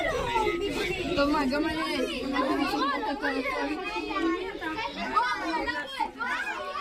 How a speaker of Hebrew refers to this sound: בואו נשמע מה קרה בצהריים, כאשר אמא באה לאסוף את ילדיה מבית ספר בגליל המערבי, כשנשמעו שם אזעקות, והרבה מאוד ילדים, כשאני אומר הרבה, זה כמה עשרות, ניסו להידחק לתוך מיגונית. בואו נשמע את הקולות.